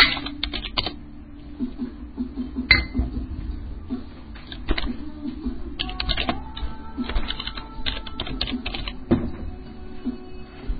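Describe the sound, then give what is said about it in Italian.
Rapid, irregular clicking of keys on an Austrian computer keyboard, moderately loud, with bursts of quick strokes and brief pauses against a low background hum. “Finché non mi dite che non c'è sulla tastiera. Cazzo di tastiere austriache.”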